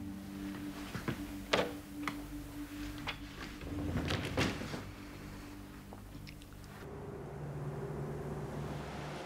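Clicks and a handful of knocks and thuds come from handling a door, then it swings shut and the background hum changes abruptly. Nobody speaks.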